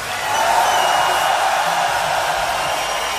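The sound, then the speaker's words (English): A loud, continuous roar of applause and cheering from a large concert crowd in memory of a singer, a dense steady wash of sound that holds at full strength throughout without dying down. “An even louder roar of applause for the great ….”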